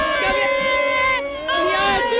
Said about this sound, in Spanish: Bueno, aquí ya de todo, aquí la gente, estoy metida en corrillos, la gente no para de tirar copas, de gritar, de bailar.